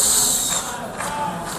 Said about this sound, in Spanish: En la Asamblea General de Naciones Unidas esta tarde comparece el primer ministro de Israel, Benjamín Netanyahu, que ha recibido un sonoro abucheo.